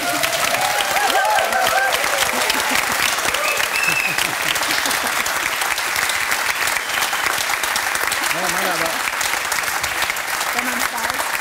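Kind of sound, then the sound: crowd, audience applause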